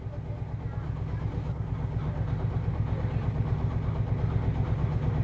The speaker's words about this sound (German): vom oberen Wirt wirft den Traktor an.